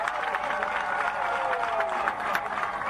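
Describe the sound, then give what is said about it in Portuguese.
An audience applauds steadily, with a dense wash of many hands clapping at an even loudness throughout and some cheering voices blended into the clatter. “Quero pedir uma grande salva de palmas para eles.”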